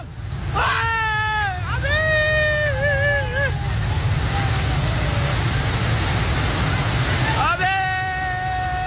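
A loud, continuous roar of rushing floodwater, mud and snow near the border between Nepal and Tibet fills the scene, steady throughout, while people fleeing up the valley slopes cry out for help in long, strained shouts near the start and again near the end.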